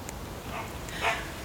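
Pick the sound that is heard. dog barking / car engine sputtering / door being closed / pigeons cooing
dog barking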